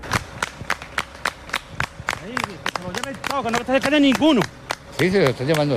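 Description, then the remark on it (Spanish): A crowd claps in a steady rhythm, sharp regular claps throughout, joined partway through by loud voices shouting and cheering over the beat, cheering soldiers of the army as they round up groups of young people and guide them toward the border. “El ejército, vitoreado en ocasiones, va encapsulando grupos de ellos y guiándolos hacia la frontera.”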